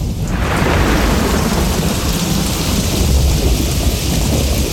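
A heavy thunderstorm with dense, steady rain and deep rolling thunder rumbling continuously underneath, loud throughout with no voices.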